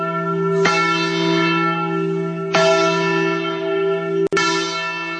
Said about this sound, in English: According to the Encyclopedia Britannica, the very first celebration took place July 8th, 1776, just 4 days after the signing, when the Declaration was read publicly for the first time in Philadelphia. And yes, they did ring the Liberty Bell.